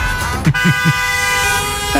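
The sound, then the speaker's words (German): Car horns honk amid busy street traffic outside a school in Cologne, with cars parking on the street, a sustained horn blaring throughout while a few short bursts sound in quick succession, with engine noise rumbling underneath. “Tumulte vor der Schule, Autos, die auf der Straße parken und so weiter und so fort. Stichwort Elterntaxi-Chaos.”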